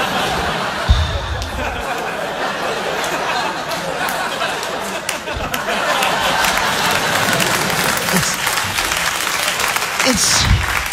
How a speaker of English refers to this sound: Why are you applauding?